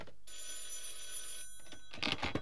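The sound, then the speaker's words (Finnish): An old-style telephone bell at a newspaper rings loudly in one sustained, metallic burst lasting just over a second, then falls silent before a few brief rustling or clattering noises. “Paska lehti ja Vauvo Pönttö puhelimessa!”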